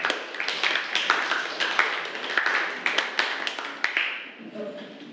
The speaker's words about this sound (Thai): ปรบมือให้กับกลุ่มที่5ด้วยค่ะ